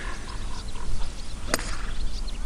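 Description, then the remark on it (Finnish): A golf club strikes a ball off the tee for the first shot with a single sharp, crisp crack, set against steady outdoor background ambience with no talking. “se on pallo laitettu tiille ja nyt valmistaudutaan ensimmäiseen lyöntiin”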